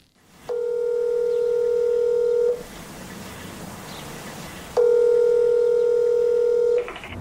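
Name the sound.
telephone dialing tones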